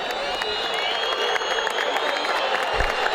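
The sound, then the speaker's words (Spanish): A large football stadium crowd of San Lorenzo supporters applauds steadily after a 1-0 win, in a dense, continuous wash of clapping and cheering, with a few whistles cutting through. “Las palmas de San Lorenzo para despedir a su público, algún que otro silbido igualmente.”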